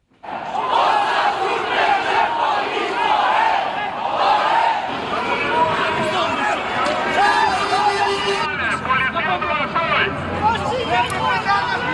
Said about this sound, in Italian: Questi i suoni delle ultime proteste, degenerate come è spesso già successo in scontri con la polizia.